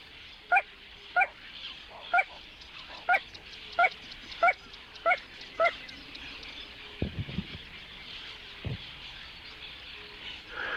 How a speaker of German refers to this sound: Es ist diese sumpfige Melodie, die ganz nah von einem Moorwesen an sein Ohr dringt. Pozana Parva, die kleine Ralle. Oder das kleine Sumpfhuhn singt hier.